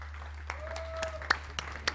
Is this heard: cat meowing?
no